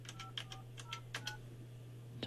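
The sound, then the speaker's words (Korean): A quick series of short electronic telephone keypad beeps as a phone number is dialed, about ten presses in an uneven rhythm, each a brief two-tone chirp, clear over a steady low hum. “지금 거신 번호는 없는 번호라고 하는데 제가 잘못 눌렀나?”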